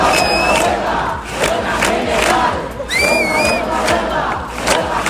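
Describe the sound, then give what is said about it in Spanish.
A large protest crowd chants and shouts together in loud, rhythmic bursts at a Saturday demonstration demanding housing solutions, with a steady wash of many voices underneath and a couple of brief high whistles cutting through. “Cerca de 50 manifestaciones están convocadas en numerosas ciudades del país este sábado para exigir soluciones”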